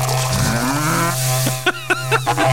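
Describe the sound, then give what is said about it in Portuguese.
Loud double berrante cattle-horn blowing: a steady buzzing drone that swells upward, then breaks into several short pulsed blasts near the end, with no one talking. “E toca um berrante duplo aí pra esses dois aí.”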